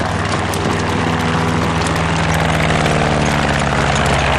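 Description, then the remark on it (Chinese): A propeller reconnaissance aircraft engine drones steadily, a loud, rough hum with a low harmonic throb that holds and swells slightly as the plane approaches. No voices are heard. “侦察机来了，轰炸机马上就到，抓紧时间，快！”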